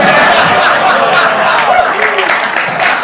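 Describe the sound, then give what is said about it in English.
A lively crowd claps and murmurs steadily, and a single voice whoops a high, drawn-out "woo" through the noise of the applause. “Who yelled woo? That's not worth yelling woo.”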